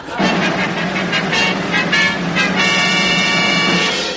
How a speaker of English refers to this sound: There was heavy traffic on the roads today, Britain's seventh day off this week.